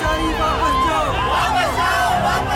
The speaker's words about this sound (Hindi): इतने में मैजिस्ट्रेट के साथ पुलिस की टुकड़ी उनके सामने आ खड़ी हुई। ये देखते ही वहां मौजूद लोग और जमकर नारे लगाने लगे।